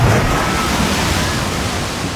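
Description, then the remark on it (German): A loud water slide whoosh sound effect: a steady rush of splashing water that fills the whole moment, full, with no one speaking over it. “Wir rutschen gemeinsam die Wasserrutsche runter. Sobald ihr in dieser Stunde dieses Geräusch hört.”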